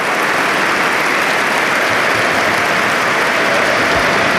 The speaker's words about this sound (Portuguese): Agora aplausos.